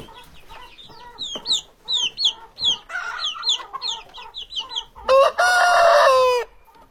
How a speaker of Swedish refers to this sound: Oj. Här är kycklingar.